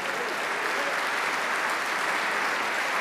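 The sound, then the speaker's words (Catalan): Sustained applause from a concert audience after a trombone solo in the opening piece, a dense steady crackle of many hands clapping at an even volume throughout, with no music playing. “que comparteix els aplaudiments amb el trombonista”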